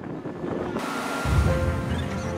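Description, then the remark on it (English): Steady wash of waves and gusting wind at Sadong Port, a ferry port where passenger ships dock to depart; a constant broad hiss with heavier low rumbling buffets midway through, fairly loud throughout and with no voices. “This is where passenger ships headed to dock to depart.”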